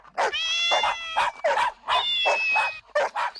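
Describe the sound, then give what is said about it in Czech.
A lively chorus of cats and dogs greeting together, several overlapping drawn-out meows in quick succession, fairly loud, with a few dog-like yelps mixed in and no talking. “Myslím, že by bylo kratší říct všechny kočky a psy, kteří jsou kamaráčtí a přišli si popovídat. No, tak pozdravte pěkně holky a kluky.”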